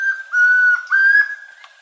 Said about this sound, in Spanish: El trino del tororoy comprapan forma parte del Banco de Sonidos de Aves Colombianas, recopilado por el Instituto von Humboldt y la Universidad de Cornell.